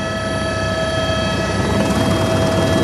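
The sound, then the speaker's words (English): A loud, steady helicopter drone over the Bhotikoshi-Trishuli River Valley, approaching to land at the Trishuli 3 tunnel rescue site, with a constant engine whine and the dense, churning roar of rotor blades, continuous throughout with no voices. “Without choppers, there is no way of getting here.”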